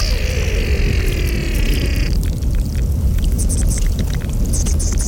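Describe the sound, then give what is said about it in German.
Glacier ice and meltwater recorded at the Morteratsch Glacier: a constant low rushing rumble of water, with high whining, creaking tones over the first two seconds, then scattered sharp ticks and faint squeaks. “Das sind die Aufnahmen vom Morteratsch-Gletscher”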